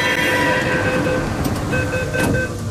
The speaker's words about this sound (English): It's 4:30 p.m. on a Thursday, and the metro doors open to a swarm of young boys in bright green polo shirts streaming into the train.